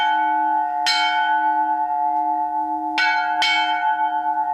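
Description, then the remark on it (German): A newly cast church bell, cast in Rammelkamm, rings loudly on its own, struck three times at uneven intervals, the last two close together, with a deep sustained hum ringing on between strikes. “Ja, sie wird jetzt gegossen, muss dann aushärten, wird dann geöffnet, geweiht. Und dann hoffen wir, dass sie ewig läutet.”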